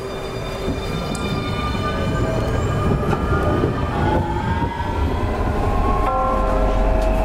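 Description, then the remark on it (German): A tram in Bremen rumbles past, steady and loud, with rail noise and faint high metallic squeals from the wheels running through the whole passage; no voices are heard. “Ein Herzstück in Bremen, unsere Straßenbahn, genau.”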